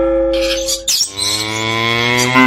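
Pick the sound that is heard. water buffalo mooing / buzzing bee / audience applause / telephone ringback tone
water buffalo mooing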